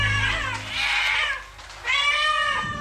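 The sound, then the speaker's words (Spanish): Two drawn-out cat meows, the first rising and falling over about a second, the second following after a short pause; loud, with no talking. “¡Miau! ¿Habrá caído de alguna nube? Se preguntó un gato negro mirando a aquel cielo oscuro desde su seco escondite.”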